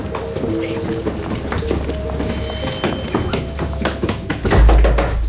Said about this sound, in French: Police, ouvrez ! Une cavalcade dans l'escalier, des cris, une porte défoncée, des policiers qui pénètrent dans la planque alors que les agents d'Alliance étaient en train d'émettre vers Londres.